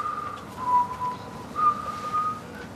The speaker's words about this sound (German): Was pfeifst du da für eine komische Melodie? Das ist ein Kirchenlied. Ein Kirchenlied? Wieso pfeifst du ein Kirchenlied, wenn ich eine Erdbeerbolle trinke? Das passt doch überhaupt nicht.